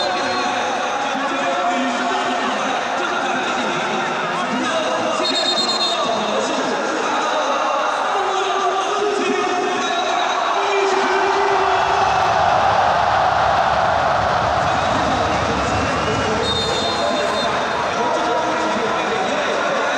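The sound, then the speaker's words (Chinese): A crowd of 34,211 football fans of home team Jiujiang and visiting team Shangrao at the Jiujiang Sports Center Stadium cheers in a continuous, dense roar that swells slightly around the middle, with a man's voice talking over the crowd noise. “今天到场的34211位观众来到九江市体育中心体育场为两队来加油呐喊，这里边呢既包括了主队九江队的球迷，也包括远征而来的上饶队的球迷。”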